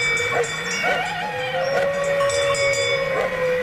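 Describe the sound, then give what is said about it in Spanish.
A wolf howls far off, from the heart of a conflict area, in one long, unbroken, drawn-out note that holds steady for several seconds, with fainter overlapping tones layered beneath it and no voices. “Pero ahí estaba, desde el corazón del conflicto, estaba aullando un lobo.”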